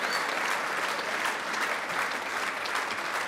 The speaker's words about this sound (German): Ihr meint das so? Jetzt seid ihr erschöpft, ne? Das ist ganz schön heiß, so zu klatschen, so ganz so lange.